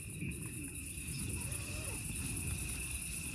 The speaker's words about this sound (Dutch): Dat is de tent. Ik zou een hele symfonie met tentgeritsel willen horen.